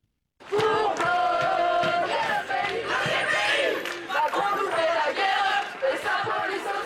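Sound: student protest crowd chanting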